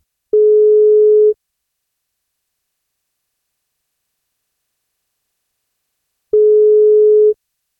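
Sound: telephone ringing tone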